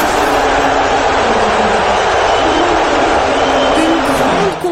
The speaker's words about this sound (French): Donald Trump, hué et en même temps applaudi, apparition donc clivante.